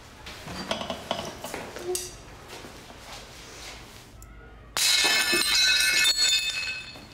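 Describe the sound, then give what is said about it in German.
Ceramic dishes clink and rattle, then a loud crash as they smash into shards, with bright ringing fragments scattering and settling for a couple of seconds. “Es dürfen nicht so viele Scherben werden.”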